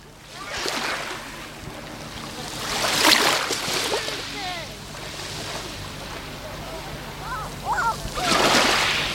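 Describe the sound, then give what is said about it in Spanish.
Gentle waves of a very calm sea lap and wash in soft bursts on the beach at Salobreña on 1 July, swelling around the middle and again near the end, with faint voices murmuring in the background; the microphone is held close to the water. “El sonido del mar. Escucha cómo suena hoy, 1 de julio, la playa de Salobreña.”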